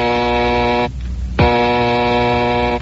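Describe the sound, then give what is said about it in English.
The Batphone in Wayne Mansion rings with a harsh, buzzy electronic tone in two long bursts separated by a short pause, loud and steady with no voices. “One night in the Wayne Mansion, Bruce and his young ward, Dick Grayson, have just finished dinner when suddenly the bat phone rings.”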